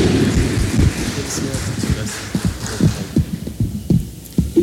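An audience applauds a priest officially taking possession of his parish seat, with dense, muffled clapping and a dull, thumping tone. The steady patter thins out toward the end into a few scattered, louder claps.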